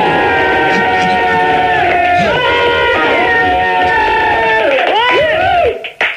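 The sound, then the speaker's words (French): A crowd recorded on a cassette shouts and chants loudly as the tape plays, many voices holding and bending pitched cries in a continuous roar for about six seconds before it abruptly cuts off. “Tu peux les refaire gueuler une autre fois, là? Non, c'est une cassette.”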